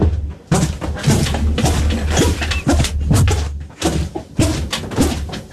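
Trainers squeak over and over in a steady walking rhythm, with short high chirps layered on dull thudding footsteps. Fairly loud, and no one speaks.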